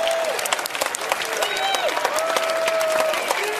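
Loud, sustained audience applause, dense clapping filling the whole stretch, with scattered whoops and cheers rising above the crowd.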